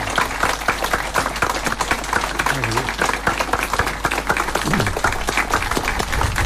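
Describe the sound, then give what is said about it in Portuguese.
A crowd applauds steadily and loudly for the bishop after he is given the medal of Our Lady by the Confraria de Nossa Senhora do Monte Alto, with dense overlapping clapping sustained for several seconds and faint voices murmuring underneath. “Ao nosso bispo, uma grande salva de palmas.”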